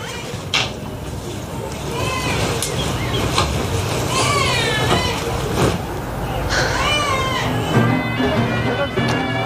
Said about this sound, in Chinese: 你干嘛呢？在里面，孩子哭成这样，出来赶紧喂奶。